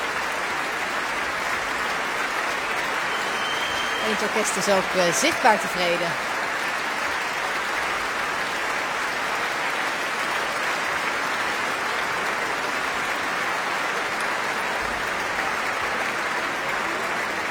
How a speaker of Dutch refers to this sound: Het publiek staat nog volledig. Niemand gaat nog naar buiten. Iedereen fluit zoals u hoort.